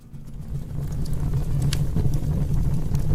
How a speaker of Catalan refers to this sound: Home, això és un foc a terra? Això és una xamanella, no? Sí. Oímos el crepitar de la leña al fuego en invierno